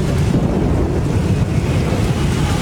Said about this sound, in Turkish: Kutsal topraklarda yağmur ve fırtına işte böyle kayda geçti.